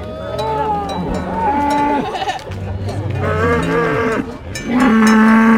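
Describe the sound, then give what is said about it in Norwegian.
Several cows moo loudly in overlapping, drawn-out calls, one after another, as they are driven down a valley to fresh pasture with about 50 school students, with a faint clank that could be a cowbell in the background. “Det var entusiastiske kyr som gledde seg til å komme til freskt beite, og tidvis så visste kyra selv vegen ned dalen, med 50 anpustende ungdomsskoleelever på slep.”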